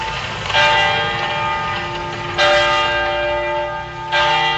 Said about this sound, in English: For us here in Oakland, we are right across the street from a church that plays bells at different times of the day. Those bells remind me of the bells that called my ancestors 6 a.m. to wake up and to begin prayer, and at noon to stop and to eat.